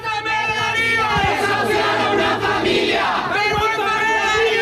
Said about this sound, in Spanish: de la que ha sido 5 años su casa, en medio de los gritos de condena de varias organizaciones y sindicatos.